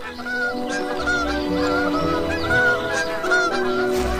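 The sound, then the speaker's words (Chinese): Bar-headed geese, announcing that their goslings have hatched, give a steady run of short, low, nasal honking calls, several overlapping one another at a fairly loud, even level with no talking. “低沉而短促的鸣叫宣告着新生命的到来。一个月的等待终于有了回报，斑头雁宝宝破壳而出，爸爸兴奋地直跟邻居们炫耀。”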